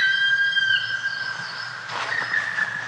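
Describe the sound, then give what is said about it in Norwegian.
A black woodpecker's call: a long, high, plaintive whistled note held steadily, rising slightly, then breaking into a rougher, harsher burst before fading. No one speaks. “Så er det noe som skjer med meg når jeg hører den her svart spett.”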